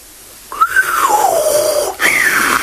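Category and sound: sound effect, whistle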